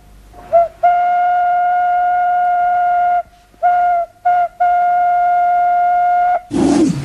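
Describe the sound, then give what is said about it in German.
The whistle of the good old steam locomotive Emma sounds as it steams off, a series of blasts: a brief toot, a long steady one, two short ones and another long one, all one bright pitch, followed by a rush of hissing steam. “Dann bestiegen sie ihre gute alte Lokomotive Emma und dampften los.”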